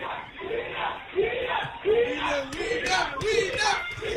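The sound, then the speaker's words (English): A crowd of tourists, including German tourists, chattering and calling out at once atop a mountain at an aerial cableway, a dense steady murmur with occasional louder shouts rising above it, no single speaker standing out. “I can hear some German tourists atop that mountain as well.”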